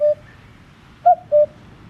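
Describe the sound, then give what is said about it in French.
A common cuckoo (grey cuckoo) calls its two-note 'cu-coo', clear and hollow, with a single stray note at the start and a low background hum. No one speaks. “disons qu'elle est plus sonore que visible, c'est le coucou gris. Et vous connaissez sûrement son chant, écoutez-le.”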